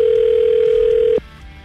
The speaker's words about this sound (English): We've dialed the number now. We're just waiting for her to pick up.